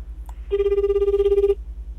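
A telephone ringback tone sounds as an outgoing call rings during a live phone segment, calling a lecturer at a school in Nishikasai, Edogawa, Tokyo: one steady, sustained ring of about a second stands out clearly over a low, pulsing background hum, with no one answering.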